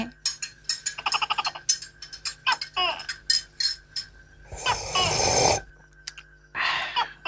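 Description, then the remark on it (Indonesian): A series of quick clinks and taps as a cup of coffee and a plate of fried bananas are set down on a table, followed by a couple of brief rustling, scraping bursts. “Kih, kopi bari pisang gorengnya.”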